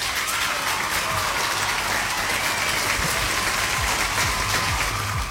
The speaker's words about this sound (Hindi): तो यहाँ पे बजेंगी तालियां।